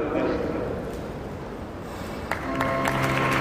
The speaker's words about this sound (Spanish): Con estos aplausos se da por finalizada esta primera parte de la representación general del Mystery Dance de este 13 de agosto de 2026.